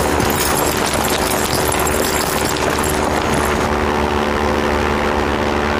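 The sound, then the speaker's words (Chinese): A steady, loud engine drone with a broad roar and low humming tones, like a propeller plane passing overhead, its high hiss thinning slightly toward the end. No voices. “哎，是飞机！”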